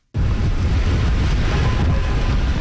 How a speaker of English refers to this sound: It's crazy out here. I'm just trying to get home, and it's, blistering winds, high winds. It's absolutely insane rain.